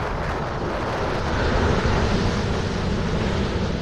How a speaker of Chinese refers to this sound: 暗夜里波涛汹涌，10级大风掀起的巨浪几乎要把40米高的大船打翻。